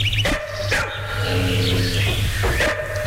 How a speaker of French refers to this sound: deux énormes chiens aboient.